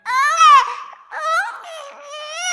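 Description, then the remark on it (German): A baby wails in three loud bursts, the pitch rising and wavering with brief catches of breath in between, no talking over it. “Ich hab ein Baby, das kann so gut schreien, schreien, schreien.”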